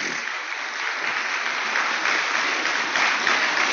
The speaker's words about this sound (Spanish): Esto merece un aplauso al Señor, familia.